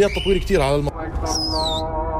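A man gives a single sharp, high whistle that holds and then slides downward, following a brief burst of vocal sound, with steady background noise throughout.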